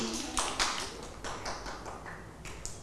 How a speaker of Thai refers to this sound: คุณพ่อยอดเยี่ยมเลยค่ะปรบมือให้